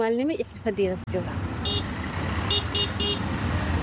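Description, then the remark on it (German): Dense street traffic of motorized three-wheelers, trucks and cars rumbles steadily at K4, the main traffic junction in Mogadishu, while several car horns toot in short bursts, some overlapping, against a constant low engine drone. Voices can be heard in the mix. “Hier am K4, dem wichtigsten Verkehrsknotenpunkt, schieben sich motorisierte Dreiräder, LKWs und Autos Tag und Nacht durch den Verkehr.”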